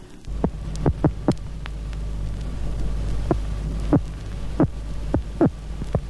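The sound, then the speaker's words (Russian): Sharp, separate pulses an electric catfish makes in defence, from a 1979 Krugozor magazine recording, about ten irregular thumping clicks in loose clusters, standing out loudly over a steady low electrical hum with no voices. “Сейчас вы слышите вот эти отдельные удары электрический сом издает во время обороны.”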